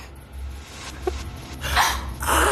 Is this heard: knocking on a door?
no